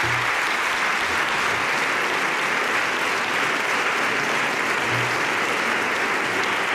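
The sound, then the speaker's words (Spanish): Sustained applause from an audience for the jury members of the Ojo Crítico awards, a dense, steady wash of many hands clapping at an even loudness for several seconds with no voices over it. “Así que os voy a pedir un aplauso para todos los compañeros que forman parte de los jurados de los premios del ojo crítico.”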